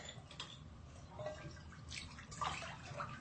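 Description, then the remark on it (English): Warm water gently sloshes and trickles in a tiled bathtub, with soft splashes and faint drips echoing off the resonant tiles. The sound is quiet and continuous, with no voices. “The water is warm.”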